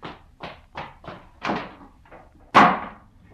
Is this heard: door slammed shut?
yes